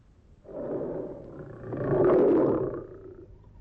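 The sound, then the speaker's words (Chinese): A tiger kept in a zoo lets out one long, deep, rumbling roar that swells to a loud peak in the middle before trailing off, with no voices around it. “可是这关在动物园里的老虎，它是只要吃肉，哪管是机灵还是愚蠢，是天上掉下来的还是地上特地喂的。”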